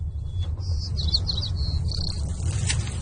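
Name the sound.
seagull calls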